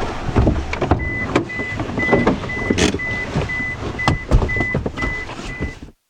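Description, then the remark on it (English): A car's reversing alarm beeps steadily about twice a second over rumbling, clattering engine and mechanical noise, with no one talking. “Here we have the car.”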